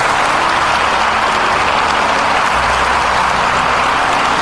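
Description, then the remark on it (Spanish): A crowd applauds God steadily and loudly for several seconds, a dense wash of many hands clapping at once with no voices rising above it. “Dale un aplauso a Dios por haberte creado.”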